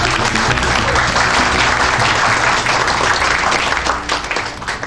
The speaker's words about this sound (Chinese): 下面让我们用最热烈的掌声欢迎